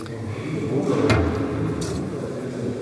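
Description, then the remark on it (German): A key works the lock of the small door at the foot of a shrine in the Konradkirche, as a kneeling Capuchin friar tries one of two keys: one sharp metallic click partway through, then a short scraping rattle, all over a steady low background rumble. “Zwei Schlüssel für die eine und die andere Seite und eins sollte passen, genau.”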